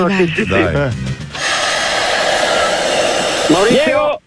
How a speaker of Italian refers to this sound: Era una persona che gonfia un tappetino materassino. Non avete aspettato la respirata. Un po' con l'asma anche.